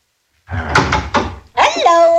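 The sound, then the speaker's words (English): A door opens with a rattling clatter and a couple of sharp knocks of wood, followed right after by a person's voice calling out. “And well now, I should have knocked. I should have knocked and called out.”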